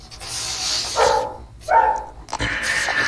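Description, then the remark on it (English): A dog barks in a few short, sharp bursts spaced about half a second apart, over a steady hissing background noise. No one speaks. “along with her dog.”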